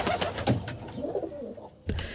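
A rock pigeon (kiriru aropare) coos in low, throaty, rolling phrases, with a few soft bursts of rustling or fluttering between the calls and no voices, played on RNZ National.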